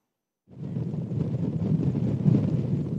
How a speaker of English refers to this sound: It's very windy and it is a scenic spot for the very reason why people choose to go to that fort and really enjoy the view from there.